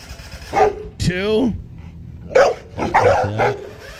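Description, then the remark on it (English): A dog barks in a series of sharp yaps and yelps, with a drawn-out whining yelp in between, spread across a few seconds, as its owner chases it while trying to mow. “in full redneck fashion, chases his dog with.”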